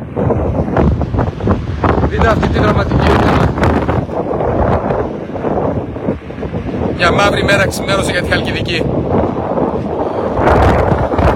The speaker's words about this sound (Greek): Είναι ισχυρός άνεμος τώρα.